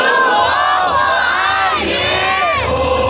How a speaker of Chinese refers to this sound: 当国旗升到旗杆顶端，广场上的群众爆发出欢呼声，喜悦与自豪之情溢于言表。